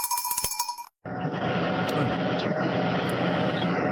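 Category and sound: vehicle, tractor engine running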